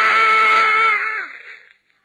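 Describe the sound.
A man's voice lets out one loud, full-throated roaring yell, held strong for about a second before it strains, wavers and dies away. A performer imitating a furious bellow, no other words.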